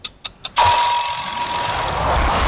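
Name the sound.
bell ringing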